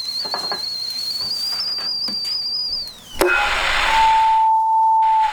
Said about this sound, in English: Cup of tea, dear. The kettle's on. Would you like a cup of tea, love?